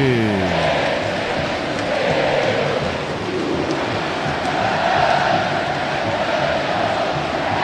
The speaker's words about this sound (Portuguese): A torcida do São Paulo canta o hino, ouça a torcida que conduz na Band News FM.